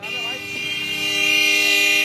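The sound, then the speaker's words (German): Car horns honk continuously amid busy traffic in India, several sustained blasts overlapping loudly, with a faint voice audible underneath the din. “Und was hilft dann? Genau, lauteres Hupen.”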